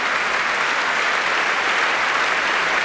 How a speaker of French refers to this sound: Il est très applaudi, vous pouvez l'entendre. Quelques personnes sont debout, pas énormément, peut-être une quinzaine.